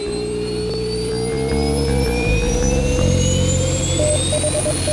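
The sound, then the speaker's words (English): Powerful rocket engines roar at launch, a loud, steady, deep rumble with rising whining tones, filling the whole clip with no voices. “All engine running.”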